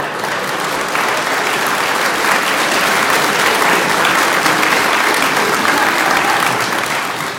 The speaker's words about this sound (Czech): Vy tleskáte ze slušnosti nějak.